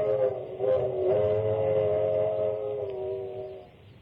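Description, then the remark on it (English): A train whistle on a train bound for Niagara Falls blows one long, steady chord-like tone for about three and a half seconds, fairly loud, over a low rumbling of the moving train, then fades out. “We were on a train bound for Niagara Falls to spend our honeymoon.”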